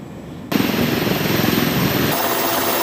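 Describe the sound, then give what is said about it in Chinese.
Loud helicopter noise cuts in abruptly: a broad engine roar with the rapid, rhythmic thump of rotor blades, with no voices. Several types of military helicopters of an Army 73rd Group Army brigade fly in a mixed formation during summer training in field takeoffs, landings and low-altitude formation flying. “连日来，陆军第73集团军某旅多型直升机混合编组、多科目同场组训，从难从严锤炼飞行员技战术水平。”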